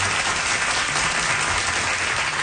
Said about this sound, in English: But it went really well, and he got such applause and cheers from the audience.